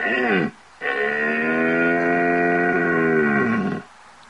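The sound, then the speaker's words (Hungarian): A red deer stag roars during the rut in the Bocsájtó valley while walking calmly along its usual route looking for its hinds: a short falling bellow, a brief pause, then one long, deep, droning roar lasting about three seconds, loud with no voices. “Itt lehetett hallani, hogy ez a bika, ez teljesen nyugodtan megy a szokásos útvonalán, keresi a teheneit, és akkor van az a bika, ami meg is találja.”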